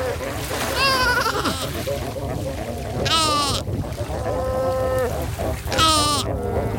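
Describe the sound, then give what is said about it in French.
A fur seal mother in a colony in Namibia, searching for her pup, gives loud, wavering calls that alternate with the pup's thinner, sheep-like bleats, four cries in all. Other pups cry in the background over a steady rumble of colony and surf noise. “Donc là, on est en train d'écouter une colonie d'otaries à fourrure en Namibie. Donc vous avez une mère là qui cherche son petit. On l'entend crier.”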